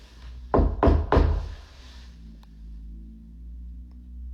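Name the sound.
knocking on a door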